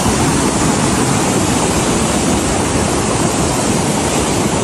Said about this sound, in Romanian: Viitura a fost provocată de o rupere de nori din munții Buceci. Cantitățile mari de apă au ajuns până în stațiunea montană. Atenție, foarte mare, s-au format torenți, flow torențial.